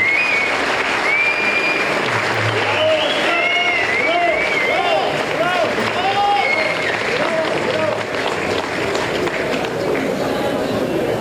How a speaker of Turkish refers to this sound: Bu başarılarda payı olan sporcu kardeşlerimize, hocalarına, kulüp personeline, yöneticilerine ve ailelerine büyük bir teşekkür ediyorum. Sizlerden de büyük bir alkış istiyorum.